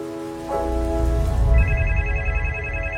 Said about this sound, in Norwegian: Plutselig ble han dratt ut av det vakre landskapet av at telefonen ringte.